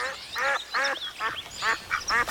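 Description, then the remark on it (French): A very agitated duck under a cherry tree quacks loudly and insistently, about seven harsh, nasal calls fired off in quick, uneven succession as it flaps its wings and spins around, with no voices. “une petite fille nommée Olga et un canard très énervé”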